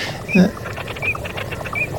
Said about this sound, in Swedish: Och har vi inte dvärgbeckasiner? Jo, det är bakgrunden.